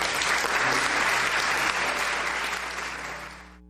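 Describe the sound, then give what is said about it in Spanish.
A crowd applauds Jesus, broadcast on Radio Utancaj, the station of the Apostolic Vicariate of Petén, loudly in a dense, steady wash of clapping that holds for about three seconds, then thins and fades out quickly, with a faint low hum underneath. “Le damos fuerte el aplauso a Jesús.”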